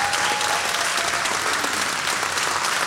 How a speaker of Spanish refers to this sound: Fuerte el aplauso.